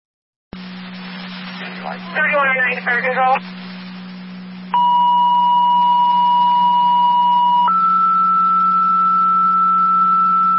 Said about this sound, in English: Fire control rapids, additional tones for an EMT to your station for the EMS call at South Lockport. Repeating rapids, additional tones for an EMT to your station for the EMS call with South Lockport.